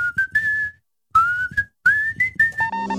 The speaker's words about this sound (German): StarFM Maximum Rock am Mittwoch hier in deiner Rush Hour und da wird gepfiffen.